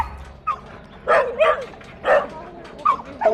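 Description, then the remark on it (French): A young Staffordshire terrier barks repeatedly at an animal shelter, about five loud, irregular barks, some short and yelping, with brief pauses between them and no talking. “Le jeune Staffy qui est ici a été réquisitionné à ses propriétaires pour diverses raisons.”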